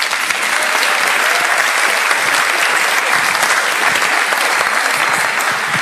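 An audience claps steadily for several seconds, a dense, even wash of many hands with no voices rising above it, loud throughout.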